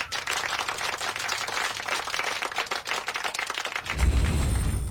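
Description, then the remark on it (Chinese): In a classroom, students clap together for a classmate in a dense, steady patter of many overlapping hands for about four seconds, then the applause breaks off into a lower rumbling noise. “嗯，这位同学回答得非常好，大家给他鼓鼓掌。”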